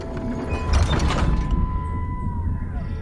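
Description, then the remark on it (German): A heavy door creaks and swings shut with a low rumbling thud, followed by a lingering dull hum as the sound fades. No one speaks. “Hochkönig Peter, schließ die Tür.”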